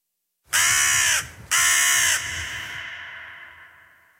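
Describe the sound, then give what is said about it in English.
A crow caws loudly twice in quick succession, harsh, the second call trailing off into a fading echo. No voices are present. “The largest population of bipeds on Earth are actually birds.”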